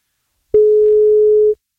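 A single steady telephone ringback tone as a radio host calls a contest participant: one loud, clear, unwavering electronic beep about a second long, with nothing else around it.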